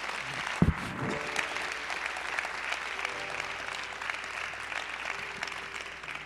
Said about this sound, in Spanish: Denle un aplauso a Jesús.